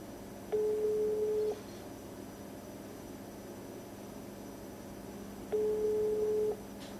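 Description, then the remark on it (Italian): Two steady ringback tones, each about a second long and spaced several seconds apart, sound over a low line hiss as a phone call rings unanswered on 16 August, around 9:35. “Non risponde.”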